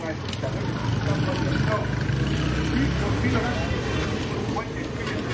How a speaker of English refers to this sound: Ah, the sounds of the street in Lagos, Nigeria. Traffic, people, music, a crush of humanity you won't find anywhere else.